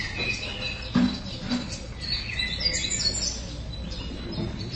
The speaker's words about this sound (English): It's a new morning. The sun is up. The birds are singing.